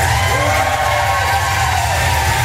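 A large crowd in London cheers and shouts to welcome Ukrainian president Zelensky, a dense, steady roar that stays loud from start to finish, with a few higher whoops and calls rising above the wash of voices.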